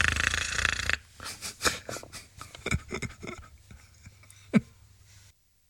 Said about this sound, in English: From under the sink, we hear Dagwood snoring.